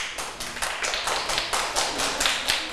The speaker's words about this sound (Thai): ปรบมือให้ตัวเองและปรบมือให้เพื่อนด้วยค่ะ